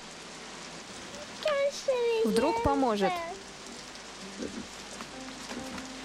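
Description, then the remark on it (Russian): Steady rain patters throughout in a continuous hiss, falling on the girl Lota, who stands in it on a manure heap with her arms raised; a child's voice and another voice speak briefly over it before the rain carries on alone. “Лота стоит под дождем, подняв руки.”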